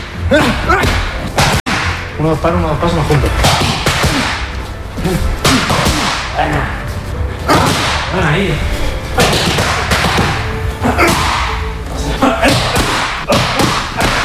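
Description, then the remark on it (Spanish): Loud punches from fighter Ilia Topuria smack into training pads during a training session in quick bursts and combinations, each hit a sharp slapping thud, while a man's voice calls out short instructions between strikes. “Así suenan los puñetazos de Topuria cuando entrena”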